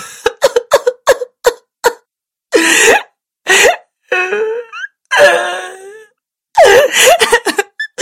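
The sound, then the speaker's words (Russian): A girl, a daughter, cries: a string of short, gasping sobs, then drawn-out, wavering wails with catching breaths between them, loud and unaccompanied. “Не плачь, доченька, съешь горячего пирожка.”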